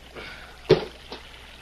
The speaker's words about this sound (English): Just like I thought. What? Quicksand. That sand swallowed that rock like it was starving.